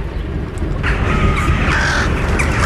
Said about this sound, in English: Damn crows.